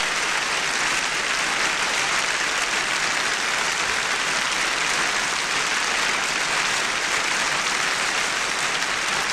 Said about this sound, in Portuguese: E vamos então avançar para dentro do festival, depois das palmas que a orquestra recebe, dirigida por Isaac Grazini.